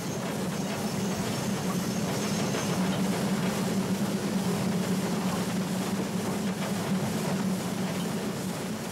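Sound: steam locomotive running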